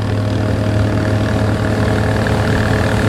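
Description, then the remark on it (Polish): A loud, steady motorboat engine drones with a low, constant hum and no talking, its pitch barely changing through the whole stretch, as other boats pass very quickly on a river. “Obok nas już przepływają inne łódki. Bardzo szybko.”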